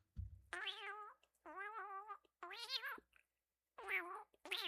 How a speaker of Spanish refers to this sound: Y ven, gatito, di adiós. Sí, por favor, ven, despídete, como buen gato.